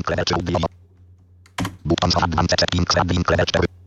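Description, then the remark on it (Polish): A single crisp press of the Tab key on a computer keyboard sounds between bursts of rapid, robotic-sounding synthetic speech that fill most of the moment before and after it. “W tym momencie do tej pory szedłem strzałką góra-dół, a ten jeden raz ustawiony na audio i o, nacisnąłem tabulator.”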